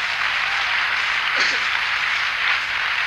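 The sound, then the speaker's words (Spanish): An audience claps together in a dense, steady wash of applause lasting several seconds, with a faint voice briefly rising through the noise. “Fuerte el aplauso.”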